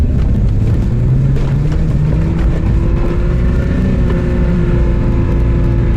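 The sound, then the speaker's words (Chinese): An off-road vehicle's engine revs hard and steadily on soft sand as the driver gives it heavy throttle without building speed: a loud continuous low drone whose pitch climbs gradually as it labours to accelerate, with no voices. “你看现在这个车挂了第四二档，动力是够的。然后呢，你就是很给油看，很给油。”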